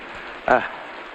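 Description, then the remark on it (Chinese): Steady, dense hiss of heavy rain pouring down throughout, with a brief voiced sound breaking through near the middle. “爷爷，下这么大的雨，你怎么又回来了？”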